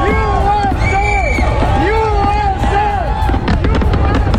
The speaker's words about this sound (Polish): Fajerwerki w Mount Rushmore w Dakocie Południowej, gdzie w skałach wykute są głowy 4 prezydentów USA, którzy odegrali kluczową rolę w rozwoju kraju.